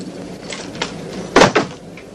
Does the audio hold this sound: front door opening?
yes